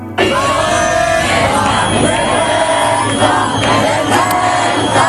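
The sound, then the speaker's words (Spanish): A crowd of hundreds of protesters shouts and chants together around the lower house of parliament, reacting to the repeal of laws, a dense, loud roar of many voices that stays continuous throughout, with individual yells rising above the mass. “Las derogaciones han hecho saltar a los centenares de manifestantes que llevaban desde primera hora alrededor de la Cámara Baja.”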